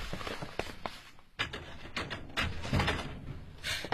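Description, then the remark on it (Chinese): A door is unlatched and pulled open, with a sharp click, a rattle of the handle and a few clunks and scrapes over about four seconds, no voices. “你开门呐。”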